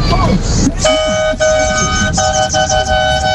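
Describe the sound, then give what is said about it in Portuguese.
Car horns blare in long, steady, overlapping blasts as drivers honk on the Marginal highway, loud, broken by a few brief gaps, with a noisy murmur of voices and traffic underneath. “Isso você imagina, os caras na Marginal buzinando lá.”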